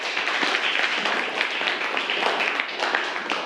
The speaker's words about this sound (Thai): ปรบมือเพื่อนหน่อยครับนักเรียน